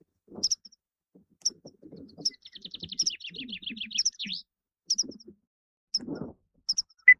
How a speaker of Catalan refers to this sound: Titella. Antus paratensis. És una au hivernant que trobareu d'octubre a abril a les zones de conreu i de camp obert.